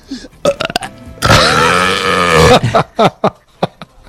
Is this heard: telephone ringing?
no